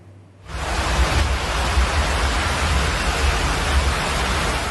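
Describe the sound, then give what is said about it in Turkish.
Steady, dense hiss of heavy rain and rushing floodwater from an hour-long downpour in the Erdek district of Balıkesir, Turkey, flooding Hükümet Caddesi, fills the scene after a brief quiet start. It is loud, with a low rumbling undertone and no voices. “Erdek ilçesinde bir saat süren sağanak sele neden oldu.”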